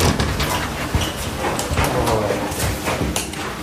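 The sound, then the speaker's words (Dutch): A door to a room is opened after walking through a corridor, with a few sharp clicks and knocks of the handle and latch over steady rustling background noise. A faint voice murmurs in the background. “We lopen naar een van de kamers toe, door de gang heen, de deur open.”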